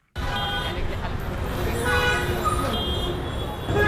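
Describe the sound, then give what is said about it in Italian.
Dense street traffic in Colaba, Mumbai, India, with scooters and buses, repeated car horns honking over a constant engine rumble, loud, with indistinct voices mixed into the din. “A Mumbai il traffico non fa da sfondo, ti viene addosso. Clacson continui, motorini che si infilano ovunque, autobus, voci, frenate.”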